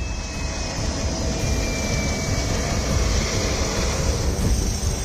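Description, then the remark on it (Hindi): A steady, loud aircraft engine roar fills the whole stretch, a broad rumbling drone with a thin whine riding on top: helicopters landing and taking off in quick succession at the Nuwakot airbase in Nepal during disaster relief operations, with no voices. “नेपाल में आपदाग्रस्त इलाकों की हालत कैसी है इसको ऐसे समझिए कि नुआकोट एयरबेस पर एक हेलीकॉप्टर ठीक से लैंड भी नहीं कर पाता कि दूसरा टेक ऑफ कर जाता है।”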